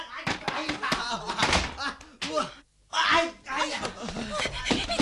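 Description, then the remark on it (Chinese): A door is kicked and pounded with a run of heavy, uneven thuds, while voices talk and shout excitedly over the banging. “我即刻由墙头落翻去，踢门入去，捉住你哋呢对奸夫淫妇先至得。”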